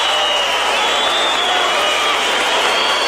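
Steady, dense applause from a crowd for Rick Renner fills the whole moment, a loud continuous wash of many hands clapping with some cheering mixed in and no pauses.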